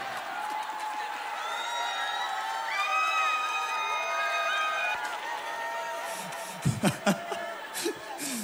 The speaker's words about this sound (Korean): 먹을수록 갈수록 그 박수가 커지네. 고맙습니다.